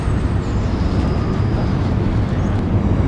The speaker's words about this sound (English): The graveyard bisects the Southwark and London Bridge station, and every several minutes I can hear the screech of the trains going past.